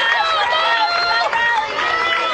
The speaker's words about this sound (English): The crowd making a lot of noise here this afternoon.